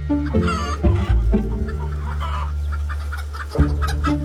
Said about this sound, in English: All the chickens in this house are the same. They are the same age. They are around 20 weeks old. They'll be laying the firstborn eggs.